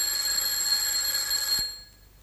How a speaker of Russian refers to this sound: А в общежитии института вечером другого дня, как обычно, звонил телефон в коридоре, и комендант общежития был на своем посту.